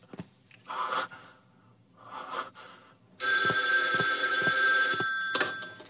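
Ragged, breathy gasps come first, then an old-style telephone bell breaks in, ringing loud and continuous with a harsh metallic trill for roughly two seconds before cutting off, as a call to the Juntong Guiyang station is put through.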